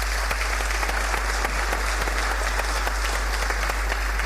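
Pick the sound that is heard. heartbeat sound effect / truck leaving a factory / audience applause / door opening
audience applause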